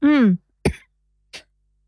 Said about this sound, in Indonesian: Oke, batuk ya.